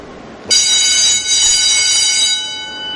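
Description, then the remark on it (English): A loud doorbell in an enormous, dark factory packed with idle machinery suddenly starts ringing, a harsh, high-pitched electric bell tone that holds steady for a few seconds with no one talking. “That's a loud doorbell, right?”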